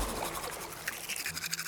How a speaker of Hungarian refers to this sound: Fogmosáskor alul is mosd, ne csak felül.